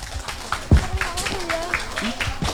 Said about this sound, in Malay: Wah, beri tepuk tangan yang meriah.